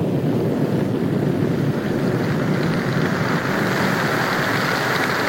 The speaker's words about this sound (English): Rain. Rain at last. Refreshing, wonderful, life-giving rain.